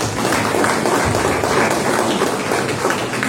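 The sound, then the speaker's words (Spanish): An audience applauds as candidate Julio Chacón of Frente de la Esperanza is introduced, a dense, crackling wash of many hands clapping together at an even, fairly loud level throughout, with no voices rising above it. “Un aplauso para el señor Julio Chacón.”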